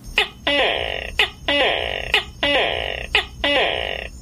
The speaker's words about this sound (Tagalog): Sa dili pa mga tago na kita katapusan sa itong lingaw-lingaw karong Bultaga, pinagis pagtingog sa itong maywaga nga tuko.